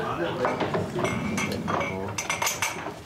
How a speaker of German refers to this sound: Jetzt können wir zweimal Prost machen. Ne? Prost.